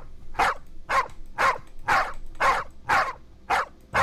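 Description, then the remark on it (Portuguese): Dogs barking in a steady, evenly spaced series of about eight loud barks, one roughly every half second, with no talking. “Dorme todo mundo. Acorda, cachorrada.”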